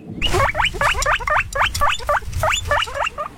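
A guinea pig squeaks in a quick, steady series of about ten short, high chirps. The calls are fairly loud, with no talking over them.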